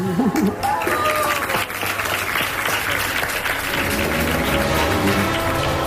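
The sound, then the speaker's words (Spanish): An audience applauds steadily for about six seconds, a dense, loud wash of clapping, with voices calling out and talking faintly underneath, cheering a child dressed as Spiderman who stood up and walked with the help of an exoskeleton and hit inflatable villain figures. “Ahí esos aplausos son porque, como hemos escuchado, se había puesto en pie con ayuda de su esqueleto, había avanzado vestido de Spiderman, se había enfrentado a los malos, que eran de estos hinchables que les pegas y se vuelven a levantar.”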